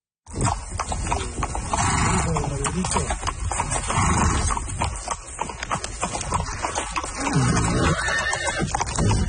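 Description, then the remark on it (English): Steady clip-clopping of horse hooves on a horseback journey through the Americas, from the southern tip of Argentina to Alaska, a continuous run of sharp, rhythmic thuds over a dense, rough background, with a horse's neighing rising briefly early on. “The 30-year-old Canadian is hoping to do something very few others have done, travel the whole length of the Americas, from the southern tip of Argentina all the way up to Alaska, on horseback.”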